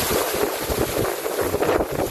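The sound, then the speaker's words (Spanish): Rain falling in a played video: a steady, dense wash of rain noise hisses continuously throughout, fairly loud, with a low rumbling undertone and no voices. “Que está lloviendo prácticamente. Claro, el ruido del agua.”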